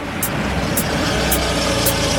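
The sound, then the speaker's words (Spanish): A car pulls up and idles, its engine a steady low rumble, with a faint high-pitched tick repeating about twice a second. No one speaks. “A car is pulling up.”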